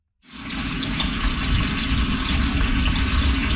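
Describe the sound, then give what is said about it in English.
Water runs steadily from a tap into a pot being filled three-quarters full to boil for making cornbread, in Ganawage territory just outside Montreal, a continuous splashing rush that starts abruptly and holds at an even, fairly loud level with no one talking. “First thing of all, we're going to boil the water 3/4 of a way with a little pinch of salt on high until it boils, okay?”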